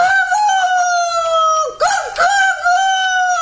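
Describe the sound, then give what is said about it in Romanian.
A rooster crows at midnight, loudly and at length, a strained, high, harmonic call that wavers and dips in pitch a few times before carrying on. No one speaks. “Te-a găsit cântatul la miezul nopții.”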